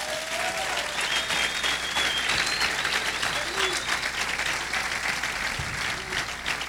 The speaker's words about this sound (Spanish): Pueden aplaudir al Señor en esta noche.